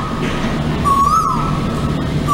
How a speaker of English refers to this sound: That is the bird call of the Asian Kowel. That's right. It is a native bird species here in Singapore. It's basically Singaporean because it's not an introduced species. And they're particularly noticeable because they are so loud.